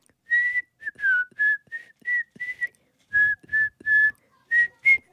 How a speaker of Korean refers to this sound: 윙크하면서 휘파람 불기 되나요? 계속 제가 떴다 떴다 비행기만 하는데 가볼게요.